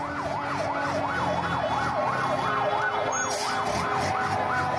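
Civil defense vehicle and ambulance sirens wail loudly and continuously as the vehicles arrive in the Al-Hijaz area near the Palace of Justice in Damascus, Syria, after an explosion, their pitch swinging up and down in a fast, steady cycle over a low rumble of street and engine noise.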